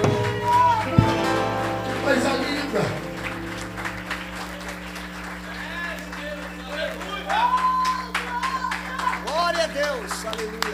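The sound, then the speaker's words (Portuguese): A church audience claps for the presence of God during worship, a steady, dense patter of many hands over sustained keyboard chords and a voice rising and falling above the music. “Aplauda a presença dele.”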